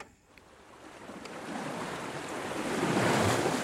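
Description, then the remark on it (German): Ocean waves breaking on the shore, a broad rushing hiss that swells steadily louder toward the end as the surf rolls in, with a hint of wind and no voices. “Mir kommen dann solche Fragen in den Sinn, wenn ich aufs Wasser gucke.”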